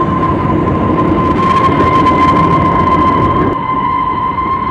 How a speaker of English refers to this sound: After the passengers had taken their breakfast, the train gave a shrill whistle and braked with a jerk and came to a halt.